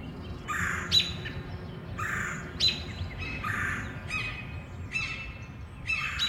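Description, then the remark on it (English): Birds chirp and call in the Forest Hills treetops, repeating short, bright bursts roughly every second. Several voices overlap against a steady low outdoor background rumble. “Chatter in the Forest Hills treetops.”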